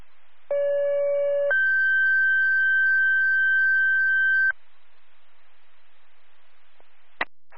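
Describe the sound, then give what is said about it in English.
Two steady fire dispatch alert tones for Bloomberg Fire's second activation, responding to a CL alarm at 349 Roses Brook Road, play back to back over a hissy radio channel: a short lower tone, then a longer, higher one held for about three seconds. A brief click follows after a pause. “Bloomberg Fire, second activation, you're responding 349 Roses Brook Road, CL alarm.”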